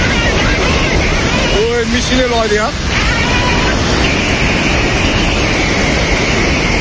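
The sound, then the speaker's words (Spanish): A loud, steady roar of floodwater and mud rushing down fast in Nepal surges continuously, with a brief voice rising over the torrent for a moment early on. “Lo que escuchas de fondo es el agua bajando con una rapidez, bueno, agua y lodo, pero a un nivel que pasa por encima de los edificios, que arrastra autobuses, que se lleva por delante a muchísima gente, que corre cuando ve llegar esa masa de agua.”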